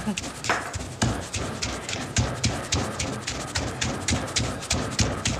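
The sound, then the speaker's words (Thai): A pestle pounds garlic, shallot and bird's eye chili in a mortar, a steady run of about a dozen dull, evenly spaced thumps, roughly two per second, with a faint murmur of voices underneath. “เมื่อกี้ในครกมีกระเทียมหอมพริกขี้หนู ใช่ค่ะแค่นั้นแหละ”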